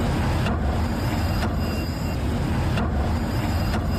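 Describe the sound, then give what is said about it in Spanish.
A bus rumbles loudly and steadily as it passes over a loose manhole cover on a newly repaved street, the cover clanking under it in four sharp metallic knocks spaced unevenly over the engine noise. “Se ha unificado el pavimento, se han reparado una veintena de alcantarillas, renovación de aceras, mejora en el drenaje y cambio de bolardos, pero el ruido que hacen los autobuses al pasar por las arquetas no se ha eliminado.”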